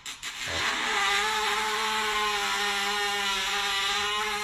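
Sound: blender running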